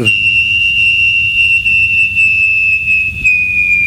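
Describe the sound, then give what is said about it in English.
Someone imitates a landing jet, done in place of a sound-effects library recording, with one long, high, steady whistle that slowly drifts lower in pitch over about four seconds, backed by a low rumbling hiss and no talking. “But I used to do an impression of one. Still do. You want to hear it? Yes. Jet landing?”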